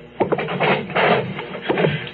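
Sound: knocking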